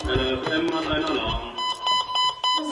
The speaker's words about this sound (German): Als der Alarm kommt, schaut sie gelassen auf ihren Melder.